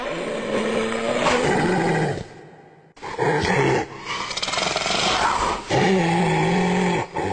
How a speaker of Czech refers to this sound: Hyena. Ne, nemyslím bezcitný člověk, myslím hyena zvíře. Řve sice ošklivě a taky tak vypadá, ale jinak je to velmi zajímavý tvor.